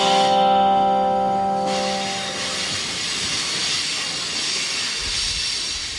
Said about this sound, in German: Now, ladies and gentlemen, we do feel the brakes of the train starting. You can hear that squeal. That's because we are getting close to Hell's Gates.